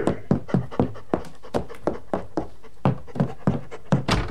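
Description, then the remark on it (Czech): A dog pants rapidly and steadily, a quick rhythmic run of breathy huffs repeating throughout with no talking. “Postarám se o psa, kapitáne.”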